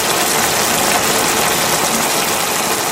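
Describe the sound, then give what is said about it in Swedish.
Bacon sizzling in a pan, a steady dense crackle and hiss with fine popping throughout, bright and fairly loud, with the low hum of a kitchen fan underneath and no voices. “Det var bacon.”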